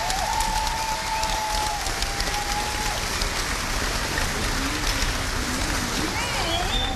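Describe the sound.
A crowd at the 3x2 event in Ridderkerk claps steadily and loudly for several seconds for the companies that made the event possible, a dense patter of hands filling the whole clip, with faint whistles or voices rising above it.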